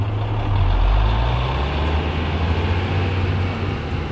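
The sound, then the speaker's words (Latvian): A car engine rumbles with a deep, steady drone, loud, peaking briefly then holding as the car drives away from a boy. No voices. “Jo vairāk mašīna attālinājās no zēna, jo drudžainākas un enerģiskākas kļuva Zitas roku kustības.”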